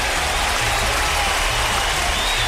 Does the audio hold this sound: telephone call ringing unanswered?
no